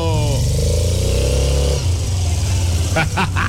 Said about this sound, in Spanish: Ya sabes, prende la moto. Prende la moto, porque llega la frase Suzuki DR 150 ABS para hoy viernes.